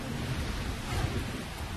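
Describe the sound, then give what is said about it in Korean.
Steady rain hisses with deep, rumbling thunder underneath during a lightning storm, a continuous stormy wash at moderate loudness with no voices. “이젠 번개까지 쳐.”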